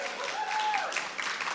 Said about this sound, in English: Hey, a massive thank you, by the way, to everyone at Mill Park Library. You have been fantastic. Give everyone in Melbourne one more little round of applause.